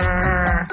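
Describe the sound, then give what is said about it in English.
A person's voice imitates a rockfish's croaking grunt: one loud, buzzy, bleat-like call lasting under a second, with no other sounds around it. “It sounds like this croaking, grunting.”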